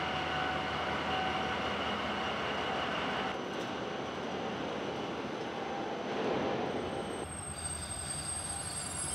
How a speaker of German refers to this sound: Jetzt haben die Räder durchgedreht. Kein Wunder, der ganze Zug mit Ladung wiegt mehr als 500 Tonnen.